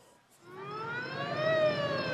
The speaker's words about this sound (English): Racing towards the city, one ambulance after another, 24 casualties within 24 hours to this hospital alone.